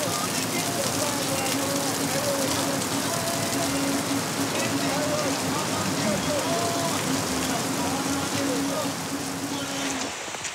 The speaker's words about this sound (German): Es schüttet wie aus Kübeln.